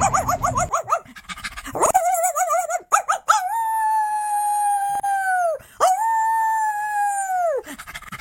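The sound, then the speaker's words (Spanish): Several dogs call out together, wavering yelps at first, then long drawn-out howls that rise and hold, loud, with no talking. “Y mi perro pasa a alguien por la calle y salen los 4 a ladrar.”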